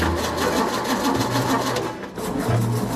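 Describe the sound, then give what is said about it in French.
An engine cranks over and over without catching: a loud, continuous mechanical whirring with a fast rhythmic chug and a low hum, briefly faltering before grinding on. “Pas vraiment un démarrage au quart de tour, ça. Non, ça va pas le faire.”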